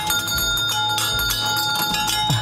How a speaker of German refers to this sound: Hier gibt's beim Nostalgiekarussell von Hans-Heinrich Dieckmann mit der Original-Feuerwehr-Auto-Klingel aus den 50er Jahren.